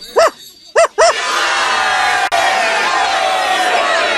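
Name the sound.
small dog barking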